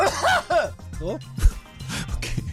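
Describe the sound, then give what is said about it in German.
A voice theatrically imitates a bad coughing fit into the microphone, mixing voiced, groaning sounds with a few sharp, harsh cough bursts in the second half. “Lustiger wäre es gewesen, wenn ich jetzt so richtig schlimm im On gehustet hätte.”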